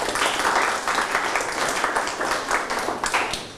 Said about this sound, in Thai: เก่งมากปรบมือให้ตนเอง